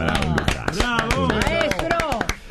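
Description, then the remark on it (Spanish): Scattered applause from a small group during a Cadena 3 broadcast of its World Cup coverage, applauding correspondent Marcelo Lamberti, sharp uneven claps continuing for a couple of seconds while voices talk over them. “Otro aplauso para el gran Lamberti.”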